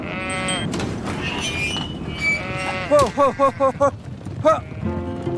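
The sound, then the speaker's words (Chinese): Several Yongchang dairy sheep bleat in quick succession, a cluster of short wavering calls from a flock, with more bleats scattered before and after over a busy background of overlapping animal noise, in Yongchang at the foot of the Qilian Mountains on a hot day. “如何养出品质出众的奶绵羊？”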